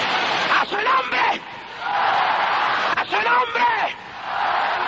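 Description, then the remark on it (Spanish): An audience shouting together in the spirit during a night worship service, a dense, continuous roar of many voices with rising and falling cries breaking through, loud and sustained throughout. “Oiga, es la mejor noche que oído este pueblo gritar en el espíritu.”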